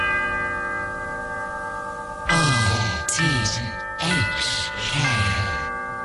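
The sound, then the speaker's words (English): A big clock strikes three o'clock on RTHK Radio 3, with several loud, resonant bell strokes rising out of a steady ringing hum. Each stroke lands heavily and lingers before the next. “Did you hear the big clock strike 3 o'clock? There it is.”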